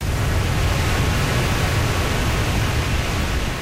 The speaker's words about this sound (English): The Gardner Dam spillway is fully open and letting water downstream.